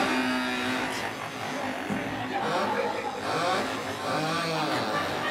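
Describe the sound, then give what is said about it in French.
Several voices imitate revving moped engines as a vocal sound-effect version of a song, a continuous buzzing drone with rising and falling pitch sweeps that overlap for about five seconds, fairly loud. “Voilà, on entend déjà les mobilettes.”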